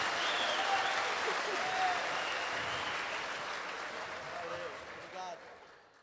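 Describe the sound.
A crowd applauds steadily, a dense wash of clapping holding for about five seconds before tapering off, with a few faint voices and whistle-like cries mixed in.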